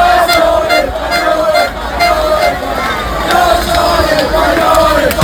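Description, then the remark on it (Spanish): A loud street crowd in Ávila, Castilla y León, Spain, celebrates the Spanish national team's football win, with continuous cheering and shouting, scattered whistles and horn toots over a dense babble of voices that never lets up. “Así sonó la victoria de la selección en las calles, en las plazas, en los bares, en las casas de Castilla y León y, por ejemplo, en Ávila.”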